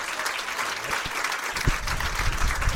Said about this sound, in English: Lots of applause. Yes. Okay, you can stop now.